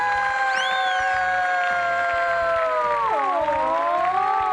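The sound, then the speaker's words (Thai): A cheering squad cheers with sustained, high-pitched voices that hold and then slide downward near the end, over a steady, rhythmic low thumping beat. “เชียร์เราสุดยอดมากเลย”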